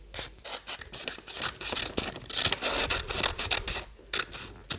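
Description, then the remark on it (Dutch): Scissors snipping through paper in a steady series of short, crisp cuts with brief pauses, a rustling rasp between snips as the blades cut out a drawn bison shape; no talking. “Zo, nu hebben we onze bison en die gaan we lekker gezellig uitknippen.”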